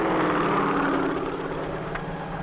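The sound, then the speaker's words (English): A steady, loud engine roar with a droning, whirring drone, like a helicopter's engine and spinning rotor running without pause as it spreads crop dust over a field. “The sharp downdraft of the whirling rotor causes dust to swirl among the plants, thus giving them a more thorough coating.”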